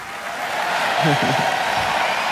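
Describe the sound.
A large audience at a music contest applauds in a steady, dense wash of clapping that holds throughout, with a voice briefly rising over it near the middle.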